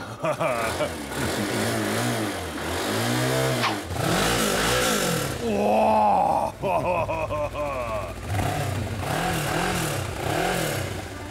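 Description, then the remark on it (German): A motorcycle engine, started with the start button and smoking noticeably, revs repeatedly and loudly. Its pitch climbs and falls in a series of throttle bursts over a steady idle rumble. “Wie schnell die Flitzer sind, merkt man schon am Geräusch des Motors. Je fetter der Sound, desto schneller die Maschine.”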